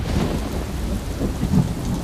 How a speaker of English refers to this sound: The storm! And we were in this storm for 4 days, and we started getting reports that there was ice in the water, and the ship wasn't ice class